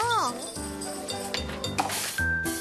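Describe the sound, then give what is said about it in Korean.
A cat at a book cafe gives a short, rising-and-falling meow at the start. Speech and soft background sounds with a few light clinks follow. “그런데 죄송한 말씀이지만 손님보다 고양이가 더 많은 것 같아요.”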